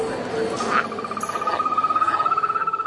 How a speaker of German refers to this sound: Dritte Etage im Berliner Aquarium. Während die Laute verschiedener Kröten und Frösche aus der kleinen Hörstation kommen, beginnt der Drei-Streifen-Baumsteiger zu trillern. Der kleine Froschlurch aus Ecuador ist auch als Pfeilgiftfrosch bekannt.